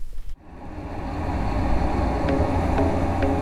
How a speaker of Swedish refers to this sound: Fast nu blir jag serverad en annan ljudmiljö. Och så ska vi spela upp en simulerad trafikmiljö. Mm. Som är ganska starkt ljud. Ligger mellan 75 och 80 decibel.